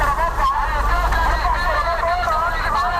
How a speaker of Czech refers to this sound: Lánkaři se zeleninou halekají na kolem jdoucí, jako by nebylo vidět, že prodávají meruňky nebo cibuli. Tady za rohem je ale větší provoz aut a trhovci už přišli na to, že hlasivky mají jen jedny.